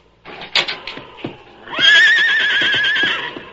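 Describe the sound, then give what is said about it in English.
A horse lets out a loud, shrill whinny lasting over a second, its high quavering pitch wavering, after a few brief clattering knocks and shuffles. No one speaks. “Anything wrong with your horses?”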